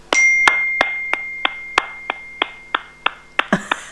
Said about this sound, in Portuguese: Palminhas, quem está tocando palminhas?